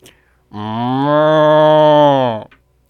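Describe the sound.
A single long, loud cow moo lasting about two seconds, steady and droning with a low pitch, heard alone with no talking around it.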